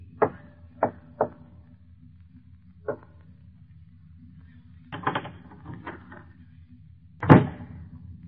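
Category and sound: household object, door opening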